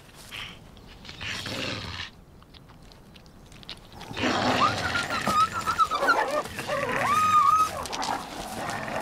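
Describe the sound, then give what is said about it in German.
Low, rough growls and snarls from two wolves squabbling over prey, quieter at first, then louder and busier in the second half with sharp yelps and whines mixed in. “Bei allem Futterneid reichen Droh- und Unterwerfungsgesten aus, um die Verhältnisse zu klären.”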